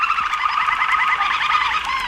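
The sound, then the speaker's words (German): Several song canaries sing at once in the background in a dense, continuous chorus of rapid trills and chirps, fairly loud and steady throughout, with no voices. “Und hier sind diese Gesangskanarien im Hintergrund.”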